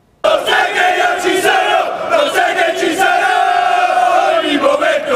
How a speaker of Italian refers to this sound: Le voci degli ultras e i colori biancazzurri hanno accompagnato la squadra nel cuore della città. Da piazza 20 settembre il corteo del Martina Calcio ha raggiunto la Basilica di San Martino